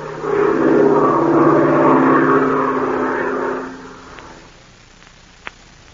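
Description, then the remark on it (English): A loud, strained airplane engine drones with a steady, throbbing roar for several seconds as the plane climbs at a steep angle, then cuts away to quiet, leaving only a single faint click near the end. “The engine is laboring as the plane climbs at a steep angle.”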